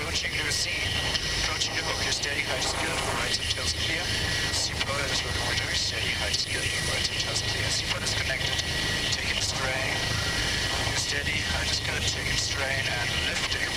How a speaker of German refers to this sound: Plötzliche Turbulenzen können den Helikopter aus dem Gleichgewicht bringen.